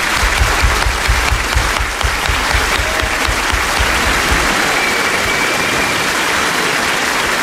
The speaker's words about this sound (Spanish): Y un aplauso también para su última entrevistada, que ha sido Nell Harper Lee.